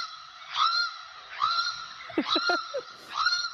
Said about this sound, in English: Oh, it's a channel-billed cuckoo. It absolutely is.